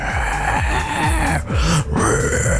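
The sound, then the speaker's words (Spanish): A voice imitates a zombie with loud, guttural grunts and groans, rasping and rising and falling in pitch over a couple of seconds, with brief pauses between growls. “una nota de voz con tu mejor sonido zombie”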